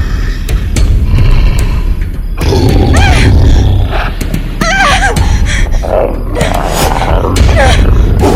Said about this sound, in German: Dafür ließ ein Brüllen sie nun herumfahren. Bei den drei Schwestern, was ist das?